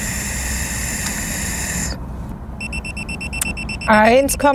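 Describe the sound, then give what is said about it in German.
A breathalyzer, blown into by a man who has drunk one and a half Mass of beer, gives a steady electronic tone, then switches to a rapid series of high-pitched alarm beeps. A voice exclaims briefly near the end, over continuous background noise. “Der schlägt hier wieder Alarm.”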